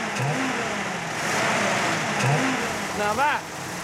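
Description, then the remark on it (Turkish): A retired flathead car engine, its valves inside the engine, runs with a steady, rough mechanical drone, then revs briefly near the end with a rising whine as more gas is given before settling back. Faint voices murmur underneath. “Bu emekliye ayrılmış bir motor ama çok sevimli bir sesi var.”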